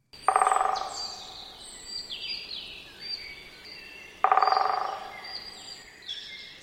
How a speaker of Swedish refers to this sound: Trummandet var det? Kort och liksom ganska... intensivt. Det är en kort trumning som den större hackspetten har.